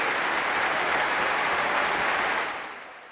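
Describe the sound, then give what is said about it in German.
A large Berlin audience applauds and cheers violinist Christian Tetzlaff after his 2022 performance with the Deutsches Symphonieorchester in the Berliner Philharmonie, a steady, dense wash of clapping with a few cheers mixed in, holding strong before fading slightly at the end. “Das Berliner Publikum hat ihn nämlich ganz eindeutig ins Herz geschlossen. Hier mal ein kleiner akustischer Beleg dafür.”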